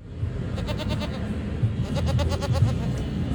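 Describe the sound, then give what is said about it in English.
Two goats, Carmine and Greta, wearing scarves that said vote, bleat twice in quick, quavering cries, one near the start and another about two seconds in, over a steady murmur of outdoor crowd noise at a Goat to Vote voter registration event at St. Petersburg College, where students stop to pet them. “Well, students couldn't help but stop by and pet the goat duo, who were decked out in scarves that said vote.”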